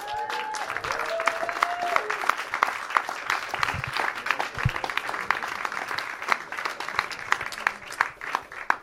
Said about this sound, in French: Il y a des avantages comme ça, donc on ne peut que soutenir et remercier les intervenants. Et j'aimerais bien qu'on refasse un tonnerre d'applaudissements pour les intervenants.